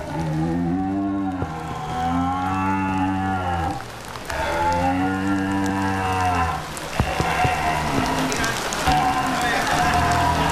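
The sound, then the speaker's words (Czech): A deer call imitates the resting grunt of a red deer: low, droning, harmonic groans in three or four long drawn-out stretches with brief breaks, over a steady hissy background. “Mrmlání jelena na vábničku.”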